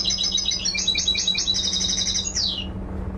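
Recorded birdsong plays from a laptop aboard a camel boat crossing the Red Sea from Djibouti to Jeddah, Saudi Arabia: a quick run of high, bright chirps in a steady stream, ending with a falling whistled note, over a constant low hum. No one speaks.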